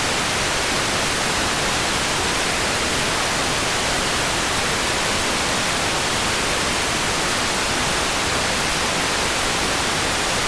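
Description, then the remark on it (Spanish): Heavy rain pours in a steady, dense hiss that holds at an even, fairly loud level for the whole stretch, with no voices or other sounds breaking through. “Es que está lloviendo bien duro, ¿ah?”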